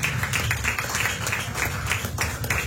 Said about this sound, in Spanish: Ahora les ofrenda de palmas al Señor.